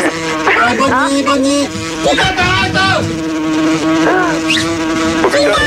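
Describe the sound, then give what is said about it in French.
Loud, continuous buzzing of flies fills the whole stretch, a dense droning hum that wavers in pitch, with voices faintly mixed in beneath it. “Les mouches arrivent”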